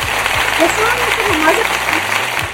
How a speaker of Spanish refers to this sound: Porque el chiqui tiró los aplausos.